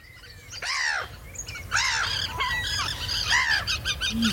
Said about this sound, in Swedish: Det kvittrade och flaxade och skränade som en fullkomlig kör av fåglar vart vi än gick.